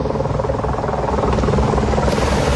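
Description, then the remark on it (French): A water-bombing firefighting helicopter roars overhead as firefighters battle a large fire, its rotor producing a steady, loud, rhythmic thudding that fills the whole clip without any voices. “Oui, alors écoutez, des kilomètres de flammes, des panaches de fumée visibles à 20 km à la ronde et 400 pompiers qui luttent sans relâche depuis hier soir, épaulés par des hélicoptères bombardiers d'eau.”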